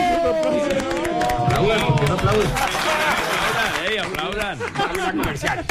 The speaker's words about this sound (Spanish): Por favor, un aplauso.